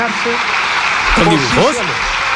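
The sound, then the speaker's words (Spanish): A sustained wash of applause fills a parliament chamber, steady and fairly loud, with voices briefly rising over the clapping midway through; the whole government applauds, except Margarita Robles. “Oye, oigan, hay bastantes aplausos al final de todo el gobierno, salvo de una persona.”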